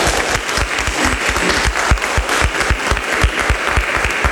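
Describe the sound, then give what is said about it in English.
A crowd claps steadily, dense overlapping hand claps forming a loud, continuous wash of applause with no voices over it. “He was clapping right up front, and I think that's appropriate.”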